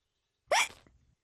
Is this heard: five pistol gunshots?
no